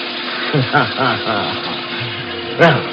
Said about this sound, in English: I hurried back into the porter's closet. I knew how to beat this, too. I turned on the faucet in the sink. Splashed and drenched myself from head to foot.